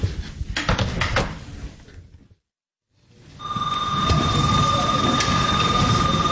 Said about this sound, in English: School I go to is Boston Latin Academy in Roxbury. Right now, I'm just going through the hallways. Bell just rang. Fourth period. Lunch is about to start.